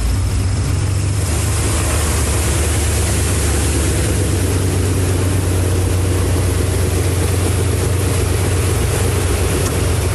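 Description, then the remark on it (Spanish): A public transport bus crossing a flooded street in Puebla, near the Capu on Boulevard Norte and Héroe de Nacozari at 15 Norte: a heavy engine rumbles steadily beneath a constant rushing, splashing hiss of water, loud and unbroken throughout, with no voices. “Algunas unidades de transporte público se arriesgaron a cruzar por la zona.”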